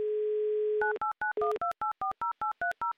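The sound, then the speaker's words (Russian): A steady telephone dial tone gives way to a quick run of about a dozen clipped keypad dialing beeps, each a short two-pitched tone, with a brief return of the dial tone partway through, as a call to Moscow is placed. No voices. “звоним в Москву и гудки, соответственно, сразу слышим.”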